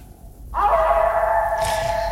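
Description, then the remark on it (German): A sustained, tonal wolf howl rises in after a brief quiet and holds steady with a slight waver, fairly loud, with no one talking over it. “Mit dem Wolf da.”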